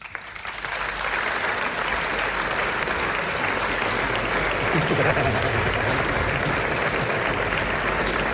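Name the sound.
audience applause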